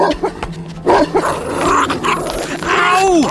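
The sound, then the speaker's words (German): A bull terrier barks and growls aggressively as it chases a man and bites into his leg, with harsh snarling bursts building into a sustained, rising whine-like growl near the end; no speech. “Doch der Hund holte rasch auf und biss sich in seinem Bein fest.”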